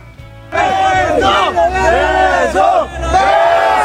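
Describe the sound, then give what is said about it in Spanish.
A crowd erupts in loud cheering and shouting after a brief quiet start, many voices whooping and hollering together in a sustained, dense roar, as a young woman unlocks a cell phone with its code to prove it is hers. “Y hay porra.”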